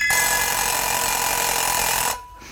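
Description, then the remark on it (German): A loud, continuous alarm clock bell rings in a rapid, harsh clatter for about two seconds, then cuts off abruptly, leaving a faint hiss. “Der Wecker.”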